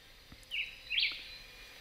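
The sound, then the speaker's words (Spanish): A black-whiskered vireo (Vireo altiloquus), a small bird, sings two short, clear whistled phrases in quick succession, soft against a steady background hiss, with no one talking. “Y en ese juego de agilidad sonora aparece en escena el vireo bigotudo, nombre científico Vireo altilocus.”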